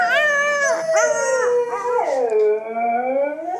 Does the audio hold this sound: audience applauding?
no